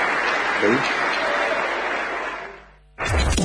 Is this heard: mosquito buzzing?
no